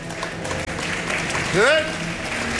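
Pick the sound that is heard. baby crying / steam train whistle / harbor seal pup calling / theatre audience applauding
theatre audience applauding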